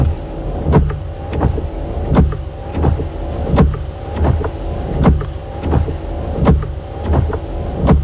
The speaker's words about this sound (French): Alors, on est un peu vache parce que ce sont des essuie-glaces à vide. Il n'y a pas la pluie dessus.